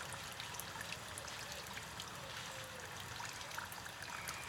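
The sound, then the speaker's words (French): Water runs and trickles steadily near a fountain at La Coulonche in July, a soft, continuous hiss-like splashing that never pauses, fairly quiet throughout with no voices. “Ambiance au mois de juillet à la Coulonche, avec cris de rapaces, bruit d'eau qui coule près de la fontaine.”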